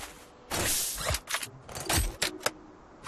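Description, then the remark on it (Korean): Someone rummages through a plastic bag, searching for a needed item inside, with loud crinkling rustles and a few sharper clunks of objects shifting inside, in irregular bursts. No one speaks. “내 깜짝 비닐 가방 안에 딱 필요한 물건이 있거든.”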